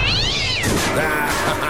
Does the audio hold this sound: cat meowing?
yes